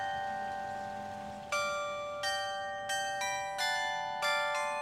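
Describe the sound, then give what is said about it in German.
Carillon bells ring out a slow melody at 9 o'clock, each struck note layering over the lingering shimmer of the last, clear with no voices. “damit wir das Glockenspiel um 9 Uhr mitbekommen.”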